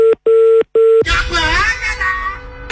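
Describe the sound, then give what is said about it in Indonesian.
Three quick, loud phone keypad tones beep in a row as a number is dialed, followed immediately by a burst of muffled voices and line noise. “Kita coba lagi telepon.”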